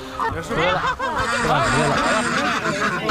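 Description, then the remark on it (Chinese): Loud, agitated honking calls from a goose that has taken over a black-bone chicken's nest, as people chase it to catch it in rural Yichun in autumn, overlapping in a continuous noisy chorus with some harsh squawks and scuffling commotion mixed in. “啊，这鹅占了乌鸡的窝了呀！”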